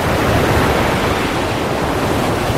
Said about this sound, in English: The waves grew taller, rising and falling around the waka. It rocked from side to side, faster now, harder. The whānau held on. Then suddenly a strong wave crashed against the waka.